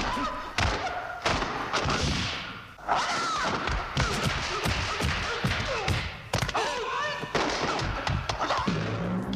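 A short 10-second martial arts fight scene from 1972 between Bruce Lee and Chuck Norris: a rapid, loud flurry of sharp punch and kick impacts and heavy thuds, densely packed over several seconds with a few tonal cries or whoosh-like sounds between the hits.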